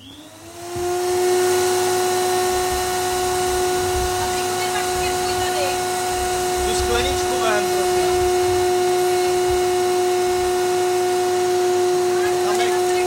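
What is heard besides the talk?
vacuum cleaner running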